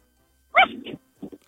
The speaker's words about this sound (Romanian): Câine!